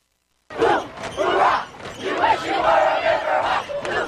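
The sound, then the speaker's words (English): A large high school football crowd cheers and yells on Deer Creek's turf on a Friday night as the Wasatch Wasps face the Deer Creek Riverhawks, a loud, sustained roar of many voices with whoops and shouts rising and falling, starting abruptly after a brief silence. “The crowd went wild.”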